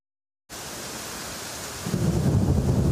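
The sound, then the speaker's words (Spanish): After a brief silence, steady heavy rain from a night storm in part of Catalonia hisses across the whole range, then a deep rolling thunder rumble swells in underneath and holds to the end. No voices. “La noche ha sido complicada en parte de Cataluña.”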